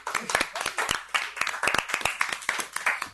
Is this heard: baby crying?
no